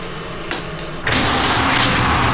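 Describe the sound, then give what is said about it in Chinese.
The door of a breakfast shop that sells peanut soup is pulled open on an old street before dawn: a soft knock, then a loud, steady rattling rush of noise that carries on to the end, with no voices. “第一个开门。”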